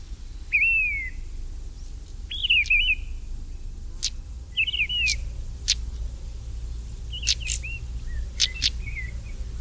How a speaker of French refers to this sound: puis la grive de Rennes, la plus grosse de nos grives, avec son très très beau chant mélancolique.